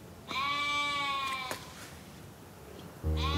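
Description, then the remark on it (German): A sheep bleats once in a long, wavering, nasal cry lasting about a second, then falls quiet; a second bleat starts abruptly near the end. Nobody speaks. “Ist es das Schaf, was ihr gesucht habt?”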